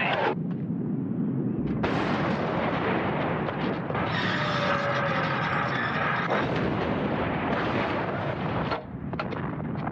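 Continuous heavy artillery barrage at the Somme, 75 mm field cannons firing shells in rapid overlapping blasts with rumbling booms and crackling detonations, loud and dense throughout with no pauses.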